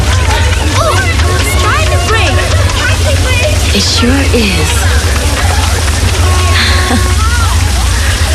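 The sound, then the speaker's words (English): Steady rain hisses across a street in a dense, constant wash, with a murmur of crowd voices and scattered chatter mixed through it from start to finish. “Everyone's trying to get out of the rain.”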